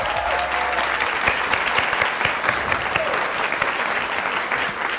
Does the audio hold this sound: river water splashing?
no